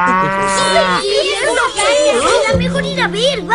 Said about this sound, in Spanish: ¡Sí! ¡Es una vaca!